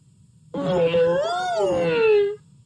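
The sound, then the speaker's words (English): A voice imitates an elephant trumpeting, as Uncle Elephant welcoming the dawn in a read-aloud story: one loud, drawn-out, wavering call of about two seconds that swells slightly in pitch, then slides down before cutting off. “I always welcome the dawn this way, said Uncle Elephant. Every new day deserves a good loud trumpet.”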